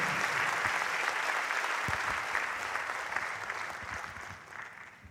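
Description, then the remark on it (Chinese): A crowd applauds, many hands clapping in a dense, steady wash of sound that holds for about five seconds and thins slightly toward the end. “好，谢谢，来无人表拍手哦。”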